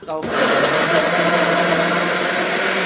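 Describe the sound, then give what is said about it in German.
A blender switches on after a brief moment and runs at full power, a loud, steady, high-pitched whirring roar as it purees tomatoes cut into rough pieces, holding constant without pause to the end. “Okay, also dann nehmen wir das jetzt so hin und schneiden die Tomaten in grobe Stücke. Und schmeißen die in den Mixer.”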